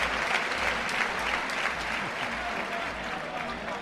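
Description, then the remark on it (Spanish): Sustained, dense applause from a large bullring crowd on its feet, an ovation for matador Morante's muleta passes, steady and loud throughout with a broad wash of clapping and some cheering voices mixed in. “Cumbre, cumbre, la gente en pie, escuchen la ovación, escuchen la ovación.”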